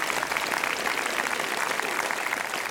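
Steady, dense applause from an audience, a continuous crackle of many hands clapping at an even loudness throughout, with no voices standing out.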